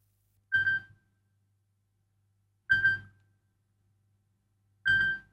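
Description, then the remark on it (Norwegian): A telephone rings three times in steady succession, each short electronic trill separated by about two seconds of quiet. The ringing is clear, with no voices over it. “Det ringer, hør hvem kan det være?”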